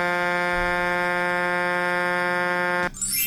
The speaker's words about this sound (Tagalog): At itong patingogon ang busina.